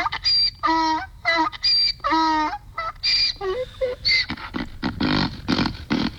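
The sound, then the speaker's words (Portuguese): A donkey brays loudly, with a run of harsh, rhythmic hee-haw cries alternating between honking tones and raspy, breathy gasps, with no one speaking. “Cadê meu jumentinho? Hoje sextou, jumento!”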